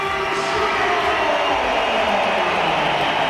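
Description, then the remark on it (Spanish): A large crowd at the Santiago Bernabéu stadium roars in a steady, dense wash of applause with some whistling mixed in, more applause than whistles, as Real Madrid brings on Vinicius for Trent Alexander-Arnold. It is sustained and loud throughout without a break. “Sí, más aplausos que pitos, hay pitos también.”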